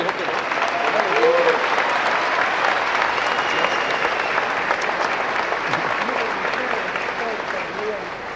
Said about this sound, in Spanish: un aplauso.